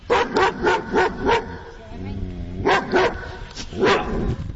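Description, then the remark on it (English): Repeated sharp dog barks in quick bursts, a run of four, then a pause with a low whine or growl, followed by another cluster of loud barks; dog barks played for a radio guessing game, Name That Dog Bark, the dogs including a German Shepherd and a Poodle. “we'll give you a chance to hear those individual dogs barking again”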